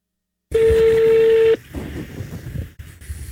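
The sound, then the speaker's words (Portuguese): A telephone number for an ice cream shop in Ipanema, Rio de Janeiro, is dialed: a loud, steady electronic phone tone holds for about a second, then cuts off into softer, muffled rustling and line noise. “Vou ligar numa sorveteria em Ipanema.”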